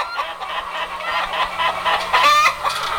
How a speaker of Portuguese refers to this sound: É, ô galo pra cantar bonito. Como diz o seu Laureano, lá do Ribeirão Bonito. Ô, galo pra cantar bonito.